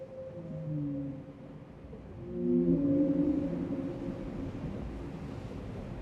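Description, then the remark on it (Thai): Long, low calls of the 52-hertz whale, which calls at a different frequency from other whales, moan and overlap, with one tone sweeping upward and growing louder midway, all over a steady wash of ocean and wind noise. “ใช่ครับวานที่ร้องคนละความถี่กับวานตัวอื่นคนก็เลยเชื่อกันว่าไม่มีวานตัวไหนตอบรับมันวานผู้โดดเดี่ยว”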